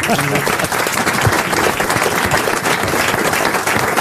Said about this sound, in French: Maintenant, on peut applaudir. Allez.